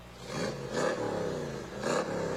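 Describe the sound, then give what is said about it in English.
A 1965 Cobra sports car engine idles with a deep rumble and is revved in a few sharp throttle bursts, fairly loud, with no one speaking. “There's Riley Bay and his 65 Cobra”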